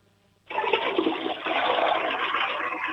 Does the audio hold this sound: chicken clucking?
no